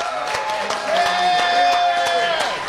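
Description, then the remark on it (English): An audience applauds at a live broadcast from Brandon's Diner on Sunnymead in Moreno Valley, a dense patter of many hands clapping at moderate loudness for a few seconds, with a steady high-pitched tone running underneath the claps. “A big round of applause for all of you coming out.”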